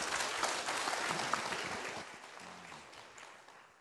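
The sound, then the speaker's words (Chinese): A crowd applauds with dense, steady clapping to welcome a speaker who is about to present a paper. The clapping fills the whole stretch, then gradually thins and softens toward the end. No one speaks. “好，我们把鼓掌欢迎，谢谢他。”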